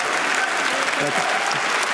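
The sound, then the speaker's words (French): A large audience at Cannes applauds a Polish director on stage, steady dense overlapping clapping that stays loud and even throughout without any break. “Le Polonais largement applaudi.”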